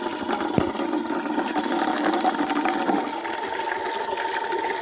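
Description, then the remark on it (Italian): A steady stream of water pours from the tap of a fountain, a continuous rushing and splashing that holds evenly for several seconds with no voices. “Adesso falla buttare un po', perché sennò è calda!”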